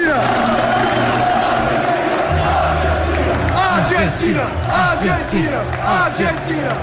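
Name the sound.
stadium crowd chanting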